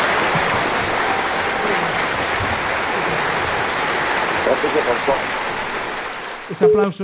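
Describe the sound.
A crowd applauds steadily, dense clapping filling nearly the whole stretch at an even level before a man's voice starts speaking at the very end.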